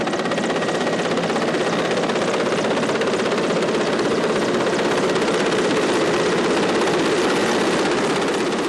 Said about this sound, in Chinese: 下午5点，直升机再次飞抵核心区。不同的是，这次飞机下方有绳索和吊篮。